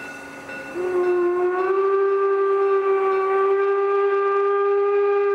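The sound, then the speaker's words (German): A steam locomotive whistle of the Fichtelberg railway sounds one long, loud, steady blast with a slight upward bend in pitch near the start, holding for several seconds, at Neudorf crossing station; the line's locomotives were built 1952–1956 in Babelsberg. No one speaks. “Auf ihre Dampfrösser sind die Fichtelbergbahner ganz besonders stolz. Ja, die Lokomotiven, die wir hier auf der Strecke haben, sind zwischen 1952 und 1956 gebaut.”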